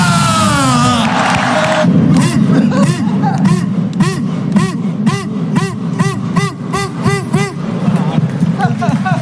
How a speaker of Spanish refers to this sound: Mira la gente, mira. Coruñeses, deportivistas, gritar conmigo, ¡estamos de vuelta!